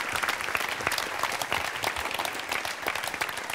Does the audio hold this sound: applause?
yes